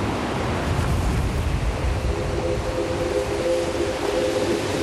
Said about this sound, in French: L'écume blanche des vagues.